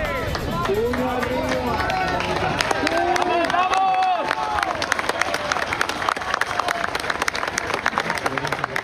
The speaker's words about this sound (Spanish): Entre aplausos, gritos y lágrimas, así celebraron el momento en que esta mujer